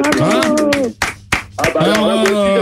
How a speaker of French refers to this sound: J'applaudis.